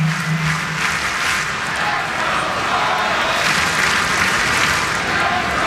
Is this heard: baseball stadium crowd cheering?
yes